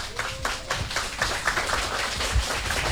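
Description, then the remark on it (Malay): A crowd of children clapping together to open the Idola Anak kindergarten event, a dense, steady patter of many quick hand claps at moderate loudness, with no speech over it. “Kalau sudah siap, ayo kita mulai Idola Anak dengan semua tepuk tangan yang paling meriah.”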